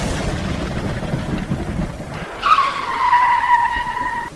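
A car's engine rumbles along a dark road in bad weather, then tires squeal sharply as it brakes hard for a woman who came in front of it, the screech holding for about two seconds before fading. No one speaks.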